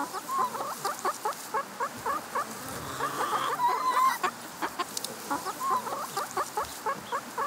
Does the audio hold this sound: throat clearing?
no